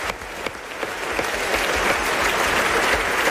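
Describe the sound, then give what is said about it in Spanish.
An audience applauds steadily, a dense wash of many hands clapping that swells slightly and stays loud for the whole few seconds, with no voices over it. “Bueno, pues un aplauso para este nuevo amigo que acabamos de hacer, por favor.”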